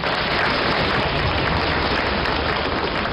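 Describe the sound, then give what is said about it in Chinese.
Steady, dense applause from the audience at a xiangsheng (Chinese crosstalk comedy) performance, a continuous loud wash of many hands clapping for about three seconds with no voices over it. “非常的感谢， 是， 如果这掌声再热烈一点就更好了。”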